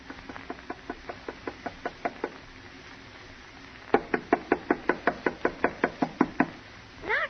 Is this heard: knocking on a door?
yes